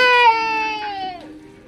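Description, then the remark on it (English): A baby cries out in one long, high-pitched wail that holds steady for about a second, then dips in pitch and fades away. No one speaks. “And sometimes, a baby's cry cutting through the static.”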